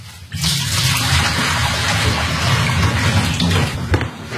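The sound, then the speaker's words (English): Sterilizing liquid is poured out of a beer-brewing vessel with its top and tap handle removed, a steady, heavy gush, a continuous splashing rush that starts abruptly and runs unbroken for several seconds, loud with no talking. “And then remove the tap handle, take off the top, and pour all the sterilizing liquid out.”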